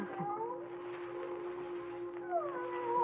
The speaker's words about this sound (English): There's that cat again. And it sounds as if it's coming this way. It is coming closer.